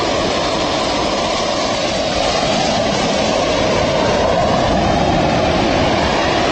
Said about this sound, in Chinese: 我们现在在画面中看到的是正在倒塌的2号锅炉。那从外面看到这个震撼的景象呢，可能会以为是在实施爆破拆除，但实际上今天进行的是机械物理拆除。